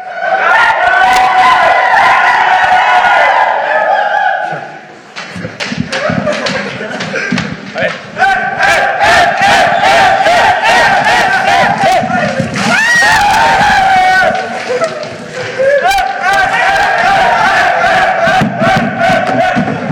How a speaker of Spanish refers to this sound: Bueno, para la gente de radio le contamos porque ellos solo escuchan gritos, alboroto, un júbilo desenfrenado. Por supuesto, los jugadores de la selección llegaron con la hielera que vaciaron con estas bebidas pues hidratantes para llenar y empapar